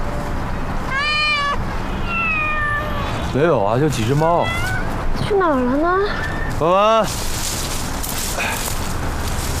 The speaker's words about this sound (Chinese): 没有啊，就几只猫。去哪儿了呢？